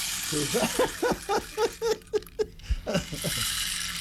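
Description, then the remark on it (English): A rain stick pours out a steady, hissing patter of tiny rattling beads, with a quick run of louder clicks and taps in the middle before it settles back into a soft, continuous trickle. “This is the rain stick.”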